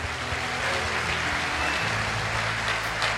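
A crowd claps together for the King (el Rey) in steady, dense applause that keeps up at an even level for the whole few seconds, with no voices breaking through and a low hum underneath.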